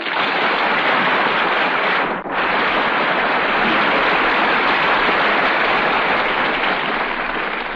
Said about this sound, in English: Your noble steed jingles his silver bridle, and you call out, "Get up!" and throw the crowd a smile. I'm still on the horse, huh? Yes. Listen to the applause.